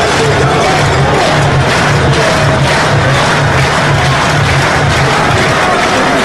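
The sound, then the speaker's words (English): A large baseball crowd stands, claps and cheers steadily during a baseball game, a loud, dense wash of applause and murmuring voices that holds at an even level throughout, with no single voice standing out. “Crowd stands and claps.”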